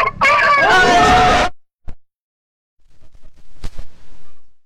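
Chickens cluck and squawk loudly for about a second and a half, then after a short pause come softer, scattered clucks and shuffling noises; the person recording is standing in the middle of the chickens.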